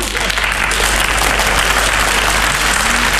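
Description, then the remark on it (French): Steady, dense applause from an audience as a singer returns to the stage one last time after the show ends, a continuous wash of many hands clapping at an even loudness throughout, with a faint murmur of voices underneath. “Ils applaudissaient plus fort que ça, je crois.”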